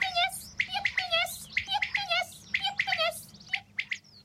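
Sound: common quail calling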